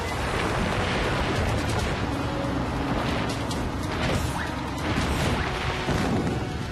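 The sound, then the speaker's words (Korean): A continuous, loud rumbling roar with repeated sharp cracks and thuds as heavy boulders tumble and smash down a mountain slope, with no voices. “공룡 채 타고 굴러오는 저 바위들을 막아줘!”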